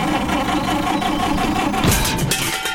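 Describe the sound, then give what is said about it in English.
A car engine sputters and struggles to turn over, a steady mechanical chugging that grows harsher and noisier near the end, loud with no voices. “Got trouble with the car?”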